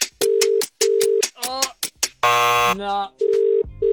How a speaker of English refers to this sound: Just needs to answer her phone in 10 seconds.